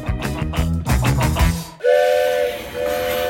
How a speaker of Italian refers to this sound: Il treno.